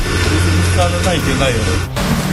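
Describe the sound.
Motors running on a drone, turning something on it, with a steady, low droning hum that holds throughout, with a brief dip near the end. Faint voices sound over it.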